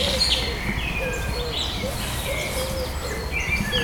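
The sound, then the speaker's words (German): A dove coos in a low, repeated phrase outdoors, with other birds chirping and twittering higher up over a steady background hiss. “Die Taube macht so.”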